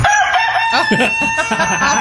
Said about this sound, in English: A rooster that comes up and mocks me on my porch. Oh, no. That's not a hen. Nope. You don't get eggs from that. Nope. You get talons and attitude.